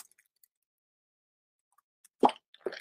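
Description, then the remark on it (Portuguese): After a long quiet stretch, someone takes a sip of water, making two short, wet gulping sounds in quick succession, the first slightly louder than the second. “Vou tomar um golinho de água, viu?”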